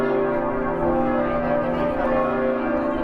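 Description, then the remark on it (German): Large cathedral bells ring out continuously in front of the cathedral on a Saturday at 8 a.m., their deep overlapping tones sustaining and blending into a dense, resonant wash that holds steady throughout, loud, with no voices. “Noch läuten die Glocken hier nicht zum Geburtstag des Kardinals.”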